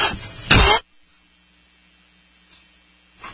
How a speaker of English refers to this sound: Pardon me, went through a coughing fit there.